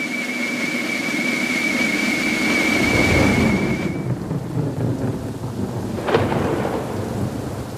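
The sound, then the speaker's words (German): A thunderstorm: steady rain hisses throughout while low thunder rumbles continuously, with a sharper crack of thunder near the end. A thin whistling tone sounds faintly during the first half. No one speaks. “Entweder ist Unwetter oder es ist zu trocken.”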